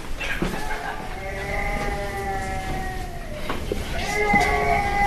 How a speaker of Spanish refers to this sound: Sí, está sí, llorando, está efectivamente. Llorando. Se ha despertado.